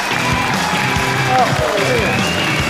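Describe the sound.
An audience applauds to welcome film and television actor Hou Jingjian as a guest on a crosstalk show, a steady, dense wash of clapping that holds an even loudness throughout, with a few voices rising faintly through the noise.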